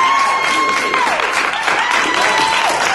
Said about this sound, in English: Says, love the joy you all bring. Thank you, David. Let's get you some applause.